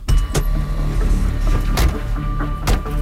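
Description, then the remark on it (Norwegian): A family climbing into a car to drive to a relatives' center: several sharp door thumps and shuffling, with a steady low engine rumble running underneath, fairly loud, with no speech. “Familien setter seg i bilen og kjører til pårørendesenteret.”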